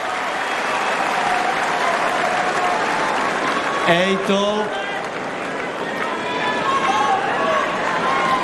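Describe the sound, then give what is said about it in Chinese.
A tennis crowd applauds the player Yela (耶拉) after a saved set point in a match against Swiatek (斯巴泰克), with steady, dense clapping that holds at an even, fairly loud level throughout, while a voice cuts in briefly partway through. “耶拉也是跟现场的观众在互动，挽救了盘点，顶住压力，值得观众为他献上掌声。”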